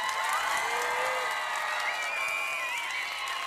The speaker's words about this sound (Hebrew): אנחנו בשידור ישיר מגן העם בחיפה, בחסות כרמל צעיר ועיריית חיפה, מול קהל של אלפים, ואם אתם לא מאמינים לי, תשמעו אותם.